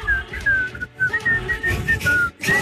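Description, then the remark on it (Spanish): Someone whistles a short tune, a run of clear, mid-pitched notes with brief pauses between phrases, played over a busy, low rumbling background. “Ah, aquí estoy silbando como...”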